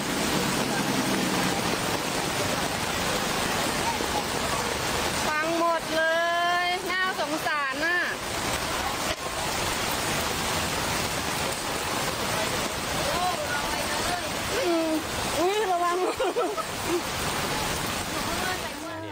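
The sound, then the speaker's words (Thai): Heavy rain pours down in a steady, loud, dense hiss over a flooded street in Samut Sakhon, Thailand, flooded after one hour of rain, with brief voices calling out partway through. “แต่เมื่อวานนี้เนี่ยมันมีภาพหนึ่งที่กลายเป็นไวรัลตั้งแต่เมื่อคืนครับที่สมุทรสาครว่าฝนตก1ชั่วโมงแต่น้ำมันท่วมขนาดนี้ครับ โอ้ยสงสารรถอ่ะ”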